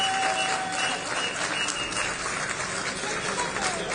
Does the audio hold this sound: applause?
yes